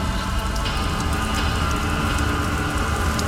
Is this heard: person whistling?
no